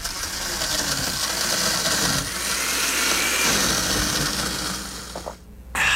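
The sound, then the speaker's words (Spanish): A blender whirs steadily with a dense, grinding motor roar and rattling ice for about five seconds as it prepares a Café 1820 Frozen Cappuccino with ice and water, then cuts off abruptly before a short burst resumes. “Escucha eso, no es cualquier café. Es Frozen Cappuccino de Café 1820.”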